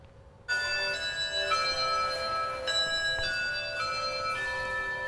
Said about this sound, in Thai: เสียงกริ่งดังแบบนี้ก็เป็นอันเริ่มต้นการเรียนคาบพิเศษค่ะซึ่งจัดขึ้นที่ห้างสรรพสินค้าแห่งหนึ่งในกรุงปักกิ่งของจีนนะคะ